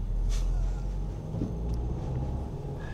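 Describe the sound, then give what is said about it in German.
Steady low engine rumble of a car driving through city traffic, with a brief brighter whoosh early on and faint background road noise throughout, continuous. “zu bestimmten Zeiten natürlich auch sehr viel Verkehr ist. Jetzt geht's wieder zurück”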